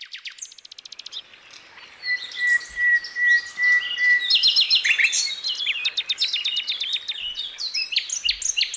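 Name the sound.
birds chirping and singing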